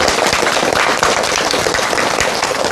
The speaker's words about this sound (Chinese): 今天这节课我们很高兴啊，为大家邀请到了姚喜双教授，我们掌声欢迎。